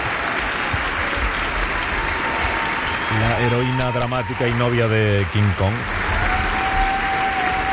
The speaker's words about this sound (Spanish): Sí. Fuerte aplauso para